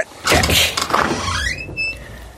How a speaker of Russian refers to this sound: Он приказал ломать двери. Городовой воткнул ножны шашки в дверную щель и нажал.